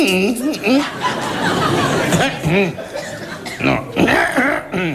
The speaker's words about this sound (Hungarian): Kedves öreg ember, minden nap itt van. Igen, csak nem szokott így köhögni.